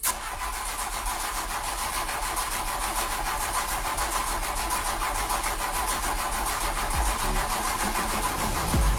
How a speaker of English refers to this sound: If you've heard that sound before, and hopefully not right now, then you are not alone. That sinking feeling as the engine won't start.